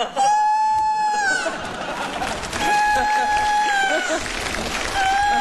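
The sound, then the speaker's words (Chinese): A rooster crows loudly in long, drawn-out calls, three of them back to back, with a busy murmur of voices and noise running underneath. “这咋还打鸣呢？”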